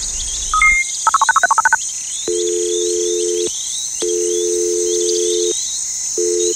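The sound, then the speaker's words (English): A phone call being placed: a quick burst of dialing beeps, then a steady electronic tone that sounds three times in long pulses with short gaps, while crickets chirp faintly throughout. “How about we just give her a call and simply ask for directions to her palace?”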